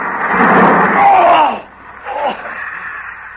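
A large beech tree, torn by the wind, crashes down in a loud, rumbling roar of splintering wood for about a second and a half, pinning two men under its branches, then dies away into scattered thuds and rustling debris, with a brief cry mixed in.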